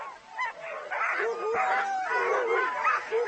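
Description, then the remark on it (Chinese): A chorus of Alaskan husky racing sled dogs barking and yipping continuously, with high excited yelps overlapping throughout, fairly loud, like an eager pack waiting to run, at a sled dog race in the Yukon. “我的狗都是真正的雪橇犬，身上的毛皮很厚，而这些狗是专用于比赛的品种，没有多余的脂肪。它们被称为阿拉斯加哈士奇犬，经常与德国波音达猎犬、狩猎犬和灵缇杂交。”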